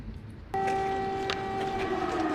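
An air raid siren in Kyiv cuts in abruptly after a moment of low background noise, holding a loud, steady wailing tone that sags slightly in pitch toward the end.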